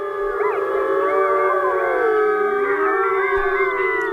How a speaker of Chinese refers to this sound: 有人认为这此起彼伏的狼嚎其实是为了造势，让对手无法判断狼群成员的数量。在外来的入侵者听来，这仿佛就是在警告他们，整个狼群早已严阵以待。